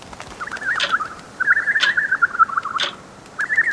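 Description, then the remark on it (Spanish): A clock bird at the Temple of the Clock Birds calls as it swings its pendulum-like tail, with rapid, warbling notes in three or four bursts separated by short pauses, clear over a soft background hiss, with no talking. “Estas aves son conocidas así por la forma de su cola que parece el péndulo de un reloj y al moverla emiten este sonido.”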